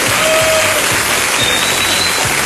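A crowd applauds steadily, a dense, loud wash of clapping hands that fills the whole stretch without pause and with no voices standing out.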